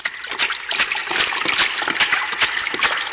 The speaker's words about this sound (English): what's that sound I hear? That's bottom splashing.